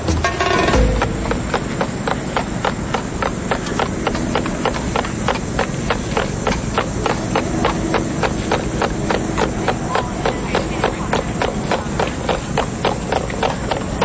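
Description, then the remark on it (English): A person mimics horses clopping with mouth clicks, a steady, rapid clip-clop rhythm of sharp knocks that holds for about fourteen seconds over a low background rumble. “So this is horses clopping in Central Park, and I'll try to mimic that one.”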